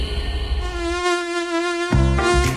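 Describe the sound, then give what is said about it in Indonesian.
A mosquito buzzes in a steady, thin, high-pitched whine for about two seconds, then the tone shifts and wavers briefly near the end. No one speaks. “Tidak perlu khawatir penyebaran nyamuk Wolbachia untuk menekan kasus DBD aman bagi manusia.”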